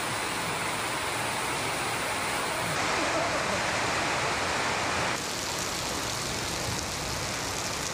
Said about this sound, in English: Wow, listen to that rain come down on this metal roof.